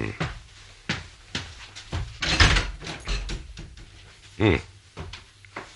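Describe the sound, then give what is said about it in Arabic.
A door of a house is pushed shut amid a series of soft wooden knocks and thumps, with a louder bump midway and another toward the end. “اذهب وأغلق الباب أرجوك.”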